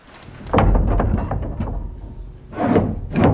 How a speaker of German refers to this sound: So, jetzt gehen wir in die Kapelle hinein. Wir öffnen die Tür.